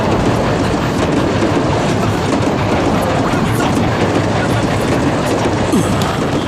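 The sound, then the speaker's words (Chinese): A train rolls steadily past a station without stopping, a loud, continuous rumble of wheels with a faint rhythmic clickety-clack running through the full roar from start to finish. “这一站怎么不停车呢？ 改了，刚刚改的，不停了。”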